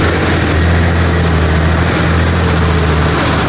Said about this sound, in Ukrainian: Важка бронемашина виїздить із замаскованої стоянки і повільно рухається лісом.